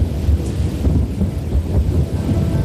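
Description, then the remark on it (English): Deep, continuous thunder rumbles and growls through a steady rainstorm, the low roar rolling without a break and no voices present. “The huge thunderclouds rumbled and growled.”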